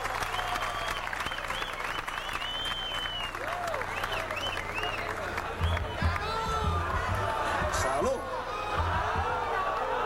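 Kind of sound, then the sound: crowd, audience applause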